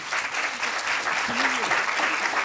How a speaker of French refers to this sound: je vous propose de l'applaudir.